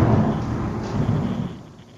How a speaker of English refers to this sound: We're raining in Medford, New Jersey as well. Oh, how! Hold on. There's another lightning. We're going to get a big thunderclap.